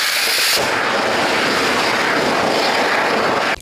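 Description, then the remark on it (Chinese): In a firefighters' puncture test simulating thermal runaway from impact, a lithium battery punctured by an electric drill erupts with a sudden, loud, roaring hiss of venting fire that holds steady for about three seconds before abruptly cutting off. No voices. “现在进行的是锂电池的穿刺实验，消防员将一块锂电池置于电钻之下，模仿电池在外力碰撞下发生的热失控。”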